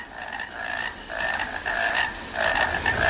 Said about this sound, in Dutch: We horen een concert van kikkers, maar wie zijn dat? Welke kikkers horen we hier? Schijftongkikker. Het is een oorverdovend lawaai.